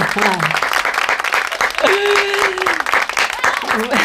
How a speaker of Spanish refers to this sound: Ya nos han puesto aplausos.